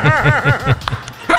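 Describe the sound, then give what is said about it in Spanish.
A small dog yaps four times in a quick, even rhythm, loud, followed by a few scattered clicks and bumps amid background noise. “Estate quieto, perrito. Dejen la bulla, señores.”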